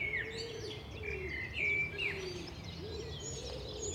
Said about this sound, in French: On entend le pigeon ramier. Pour le reconnaître, il y a un truc assez simple par rapport à la tourterelle, parce que souvent les gens le confondent, c'est le nombre de syllabes. Avec le pigeon ramier, on peut faire « je suis un pigeon »